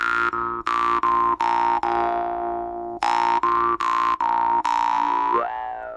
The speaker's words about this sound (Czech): Ta brumle je opravdu velmi specifický hudební nástroj.